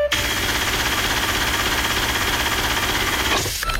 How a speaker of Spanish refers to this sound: en cualquier programa y en cualquier momento suena la alarma de la caja registradora, que es esta.